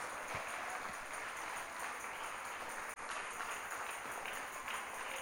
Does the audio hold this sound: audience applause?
yes